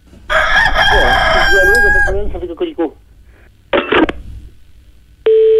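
rooster crowing

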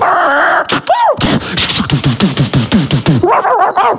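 dog barking

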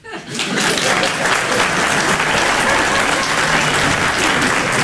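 audience applause

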